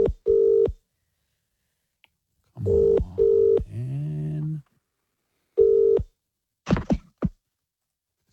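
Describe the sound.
Telephone keypad tones beep in short, clear bursts as a call is placed to a listener, some in quick pairs, with brief clicks between them; a man mutters impatiently partway through.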